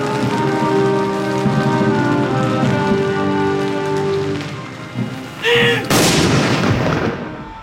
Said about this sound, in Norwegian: Samtidig sørgesalut ved landets 9 salutstasjoner. 21 skudd med 30 sekunders mellomrom.